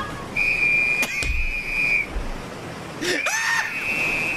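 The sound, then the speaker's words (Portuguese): A shrill whistle from a life jacket is blown in two long, steady blasts, the second starting with a brief warble before holding its piercing tone. The whistle is loud, with no talking. “O colete salva-vida, pega o apito!”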